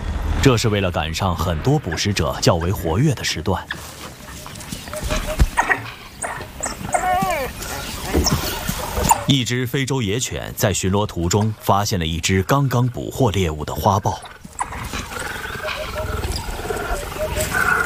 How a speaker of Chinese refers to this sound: 一只非洲野犬在巡逻途中发现了一只刚刚捕获猎物的花豹， 它正在召唤其他非洲野犬来帮忙。 你拍到了吗？拍到了。又来了一只。是的，整个族群都在赶过来的路上。